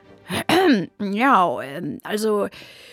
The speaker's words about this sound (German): Vivaldi räusperte sich.